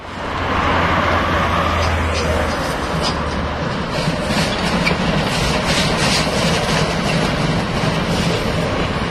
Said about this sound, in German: Vor der Kreuzung zur Bundesstraße 6 stampft unser 95er vorbei an den modernen Lokomotiven der Havelländischen Eisenbahn, die sonst die Strecke befahren, vornehmlich für Transporte der Fels AG.